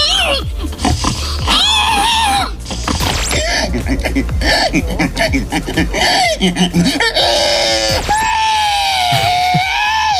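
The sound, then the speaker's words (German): At an agricultural fair in Estonia, people in a pig-noise imitation contest imitate pig squeals one after another: loud, high-pitched shrieks and grunting oinks, with laughter and chatter around them. The last voice rises into a long, wavering, siren-like squeal. “An einer Landwirtschaftsmesse in Estland haben die Menschen letztlich gerade Säule nachgemacht.”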